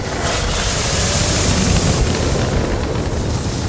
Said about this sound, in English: A Stark Industries jet swoops over the vast tulip field and makes a vertical landing near a windmill.